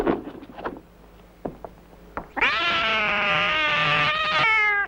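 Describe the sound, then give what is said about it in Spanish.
A drunk cat lets out one long, loud, wavering yowl lasting a couple of seconds, preceded by a few scattered knocks and rustling thumps. No one speaks. “Gato borracho.”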